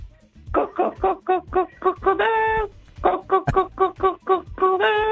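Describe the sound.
A person on a live broadcast imitates a hen clucking on the count of three: a quick run of short, rhythmic clucks that ends in a longer, drawn-out note. The pattern repeats twice, fairly loud and on its own.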